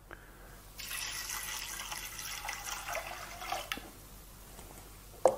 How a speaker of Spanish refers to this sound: En vez de echarle agua, le vamos a echar fumé de pescado, que lo hice.